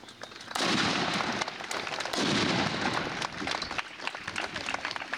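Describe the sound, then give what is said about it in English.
Two loud cannon blasts go off a couple of seconds apart at a Memorial Day ceremony in Thayer County, southeast Nebraska, each a deep boom that rolls and crackles away outdoors, with gusty noise from heavy wind underneath throughout. “Communities all over Nebraska marked Memorial Day with assorted ceremonies yesterday, including one in southeast Nebraska that featured commendations, a time capsule, and cannons.”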